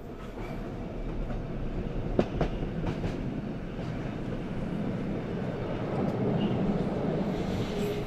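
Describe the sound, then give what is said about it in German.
A train on the Arosa railway line through the Schanfigg valley, opened in 1914, passes the village of Molinis on a sunny winter day; it rumbles steadily along the rails, a dense low roar with faint rhythmic clatter and a couple of brief sharp clicks, continuous throughout with no talking. “Vom Zug aus fällt der Blick auf das Dorf Molinis, das im Winter nur selten so viel Sonne abbekommt wie in diesem Moment.”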